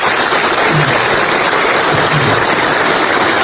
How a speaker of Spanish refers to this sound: Muchas gracias también al doctor Germán Antelo, secretario de Salud, por estar acá y por recibir un aplauso, por favor, para el doctor Germán Antelo.